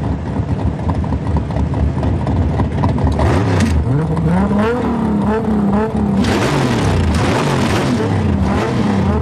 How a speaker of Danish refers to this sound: Men i aften ved midnat kan publikum læne sig tilbage i sæderne og nyde en god gang gaderæs, motorbrøl og store biler.